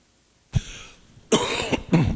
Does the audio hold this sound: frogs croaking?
no